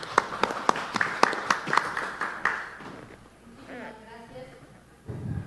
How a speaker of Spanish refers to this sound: Escuchamos a continuación. Fuerte los aplausos.